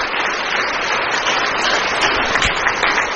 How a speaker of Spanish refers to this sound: Aplausos para el Señor que nos da la victoria.